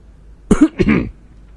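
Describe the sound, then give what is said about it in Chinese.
A man gives one short cough that trails into a brief throaty rasp, loud against a quiet background, with no talking. “明台咳嗽了一声”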